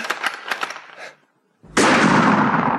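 Three sharp gunshots, fired as a signal, crack in quick succession. After a short silence, a loud, steady roaring noise begins abruptly and continues to the end. No one speaks.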